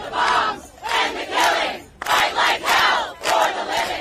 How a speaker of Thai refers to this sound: ด้านนอกสำนักงานใหญ่สหประชาชาติเสียงเรียกร้องกึกก้องหยุดทิ้งระเบิดหยุดการฆาตกรรมสู้ยิบตาเพื่อรักษาชีวิตต่อด้วยเนทันยาฮูจะหลบซ่อนไปไหนกันต้องจับตัวมาเพราะฆ่าล้างเผ่าพันธุ์